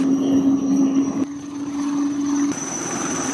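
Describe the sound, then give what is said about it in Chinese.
A loud, steady helicopter drone with a strong low hum and whining high tones, holding constant throughout with a few abrupt shifts, no voices; several shipborne helicopters take off in succession from the Chinese Navy ship Hubei during training in the South China Sea. “抵达预定海域后，湖北舰随即转入战斗部署，数架舰载直升机梯次起飞，舰面保障人员快速完成着舰引导、甲板气流、油料补给等保障作业，重点强化舰机协同”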